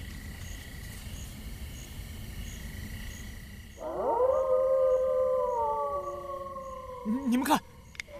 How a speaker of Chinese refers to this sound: 你们看，那是什么？那是狼，狼群！